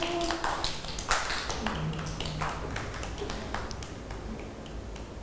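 A group of children clap in a loose, uneven scatter of sharp claps, louder at first and thinning out over the last second or two, with faint voices underneath.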